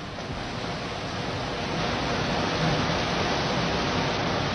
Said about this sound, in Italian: Non so se vi giunge questo rumore. Arriva perfettamente. Ecco, questo non è un fiume, è la via Cerretani, è la via Panzani. è il cuore di Firenze, invaso dall'acqua.